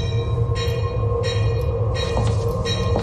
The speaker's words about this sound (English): I think you need to get on that train.